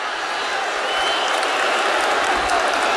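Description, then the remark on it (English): A large, angry stadium crowd at a Colts–Chiefs football game roars loudly and steadily at the end of the first half, a dense wash of voices with no break and no single voice standing out. “The crowd is angry.”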